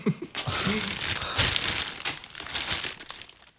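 A plastic bag crinkles and rustles, a dense, continuous crackling over a few seconds, with a faint voice murmuring briefly near the start; the plastic bag is being handed over.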